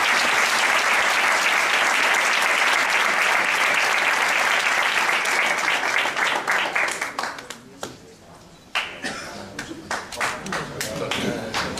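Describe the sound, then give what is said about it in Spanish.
A crowd applauds loudly and steadily for several seconds, then the clapping thins and fades to scattered claps, briefly swelling again near the end. “Y este es un aplauso especial por eso.”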